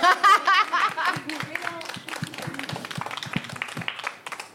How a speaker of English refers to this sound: An applause.